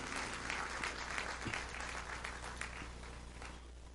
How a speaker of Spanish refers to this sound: Pueden sentarse, hermanos. Si esas palmas son para él, déselas bien, hermano. Aleluya.